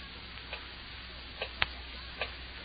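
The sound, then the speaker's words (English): A clock ticks slowly and steadily, four sharp clicks spaced under a second apart, the third noticeably louder, over a soft background hiss. “Terrible clock. Ticking. Ticking.”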